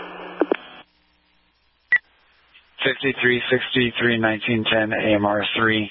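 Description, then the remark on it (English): A short burst of radio static with clicks, then silence broken by a single sharp electronic dispatch paging tone for Indian Peaks, followed by a voice talking over a narrow, radio-filtered channel. “5363, acknowledging tones for Indian Peaks.”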